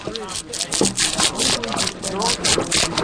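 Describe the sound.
A draw knife shaves bark off a log in a series of rough, rhythmic scraping strokes, fairly loud and steady, while a voice talks over the work.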